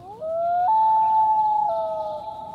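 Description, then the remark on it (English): A loon's long, mournful wail: a clear tone that rises, holds steady, then breaks up and down between pitches, sounding alone with no voices. “Loons are built for life in the water.”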